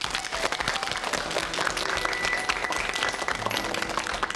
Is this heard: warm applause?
yes